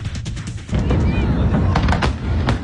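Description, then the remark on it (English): Fireworks for 4th of July celebrations in the United States burst in a rapid, irregular series of sharp bangs and crackles over a loud, rumbling wash of noise, with faint crowd voices underneath. “Across the nation, Americans celebrated the 4th of July with parades, eating contests, get-togethers, backyard barbecues, and of course, fireworks.”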